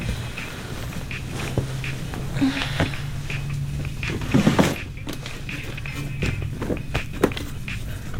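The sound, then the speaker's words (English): An underwear drawer is pulled open and its contents are rummaged through in a search for a passport, with a steady run of light clicks, knocks and scrapes over a low background hum, and a brief louder clatter midway. “My underwear drawer.”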